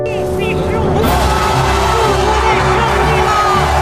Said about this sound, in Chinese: 观赛的礼堂里，比赛观众席上，都爆发出了雷鸣般的掌声和欢呼。